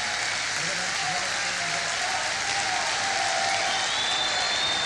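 Steady audience applause, a dense wash of many hands clapping at an even, loud level throughout, with no one speaking over it.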